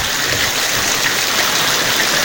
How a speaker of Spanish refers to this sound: como que dan ganas, como que dan ganas de acostarse a escuchar la lluvia.